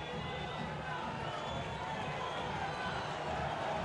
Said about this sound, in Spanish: La platea él está brava. Algunos aplauden, otros insultan. Escuchá, escuchá la bombonera. Aliento por ahora.